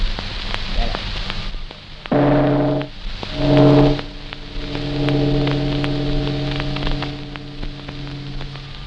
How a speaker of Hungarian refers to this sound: Rádió Budapest 1 és a rövid hullám 32,88 század méteren. A gong ütés 18 óra.